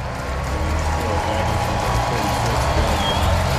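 A large stadium crowd at a Sunday afternoon Braves baseball game gives pitcher Malley a standing ovation as he leaves the game, a steady, dense wash of applause and cheering that holds at an even, loud level for the whole few seconds.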